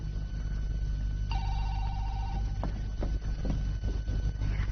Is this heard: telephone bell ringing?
yes